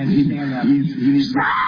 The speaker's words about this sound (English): So, you can hear the screaming going on here. Let's save this everybody. This person... And I do think you might say, okay, what's going on here? This person is losing his mind over what he says is the misgendering from the police